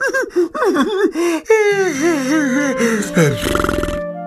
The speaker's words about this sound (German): … erzählt ein Märchen, gähnt aber ständig dabei und lässt halbe Sätze unvollendet.